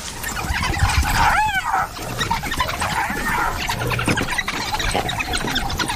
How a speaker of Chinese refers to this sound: 他们把它围住了， 这只斑鬣狗被逼入了绝境。面对大约十只非洲野犬的围攻，它几乎没有胜算。